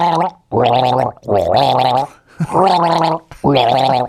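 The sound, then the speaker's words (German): A voice gargles a song with a sip of water in five sustained, pitched bursts with short gaps between them, the bubbling tone rising and falling like a tune. The gargling is loud and alone, with no talk. “Gurgel dir ein Lied, pass auf, ein Schluck Wasser für mich.”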